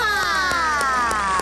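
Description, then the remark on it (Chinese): A crowd cheers loudly with overlapping voices, mixed with scattered clapping, continuous through the short moment, applauding the blue team for landing 7 frisbees in a family game. “蓝队表现得也很棒啊，投中了7个飞盘，鼓掌。”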